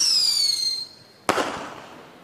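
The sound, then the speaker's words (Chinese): An explosion sound effect: a high whistling tone descends steadily, then a single sharp explosive boom bursts out and trails off into a crackling, fading rumble, like a firework detonating. “宇宙爆炸了。”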